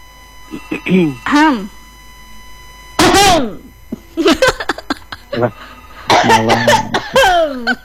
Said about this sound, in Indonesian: Nah, batuk beneran deh, Teh. Nah, batuk beneran.